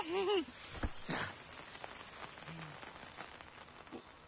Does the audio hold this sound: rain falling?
yes